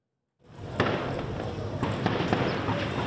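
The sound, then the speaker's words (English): A volley of gunfire in Port-au-Prince, Haiti, during fighting between rival gangs: several sharp cracks go off at irregular intervals over a steady, noisy outdoor background. “A volley of gunfire rings out in Port-au-Prince.”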